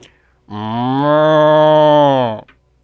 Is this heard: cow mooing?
yes